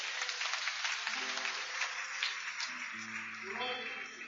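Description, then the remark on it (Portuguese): A dense, steady wash of clapping from a large church audience fills the space, a strong round of applause to praise God for Christ, with sustained organ-like tones and scattered voices underneath. “Vamos louvar a Deus com um aplauso bem forte para Cristo.”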